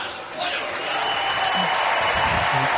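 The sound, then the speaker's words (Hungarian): A stadium crowd at the Gyulai István Memorial athletics meet applauds steadily as Hungarian competitor Balázs Liz is introduced, a dense wash of clapping that holds at an even, fairly loud level throughout, with a few faint voices showing underneath. “Liz Balázs mutatták be, ő volt az utolsó sorban, neki is szólt a taps, ezért vártunk ki egy picit.”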